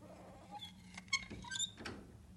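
A few faint goat bleats, short and reedy, rising over a low background rumble, with two or three calls bunched together near the middle.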